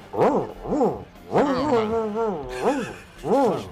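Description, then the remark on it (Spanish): A person vocally imitates a dog as part of a medley of animal imitations, giving several short, arching yelps with a longer wavering whine in the middle, fairly loud, with no other sounds around it. “Perro saboreado.”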